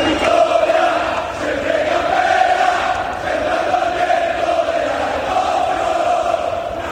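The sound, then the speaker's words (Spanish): A huge stadium crowd of Castellón football supporters sings a chant in unison at the Almería Stadium at night, a loud, steady roar of voices that carries on without pause, with no individual speech. “Y si hay algo que merece un aplauso especial, es la afición albinegra, que así sonaba anoche en el Almería Stadium.”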